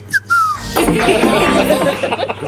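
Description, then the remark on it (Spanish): A person whistles two quick birdlike notes in imitation of a bird, then laughter and lively chatter take over and fill the rest of the moment. “Silbale, así que como haciendo el.”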